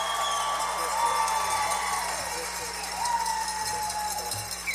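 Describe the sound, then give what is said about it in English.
A small studio audience at a live country music show on radio station WWOV 101.1 FM in Wheeling, West Virginia claps steadily for several seconds, a dense, even patter of hands with faint murmuring voices mixed underneath. “Can you applaud and let them know that you're here?”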